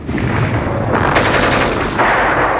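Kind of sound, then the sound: sound effect, machine gun fire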